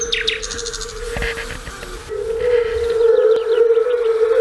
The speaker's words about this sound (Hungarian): Eddig hallottunk bogarak és rovarok énekét, madárdart, és legutóbb pedig a vöröshasú unka dalát, amiről ugyancsak Bartók Péter mondja el, hogy ez a szőlőspusztai Bartókék húgánál töltött nyaraknak az emléke lehet, amikor tele volt vízzel és pocsolyák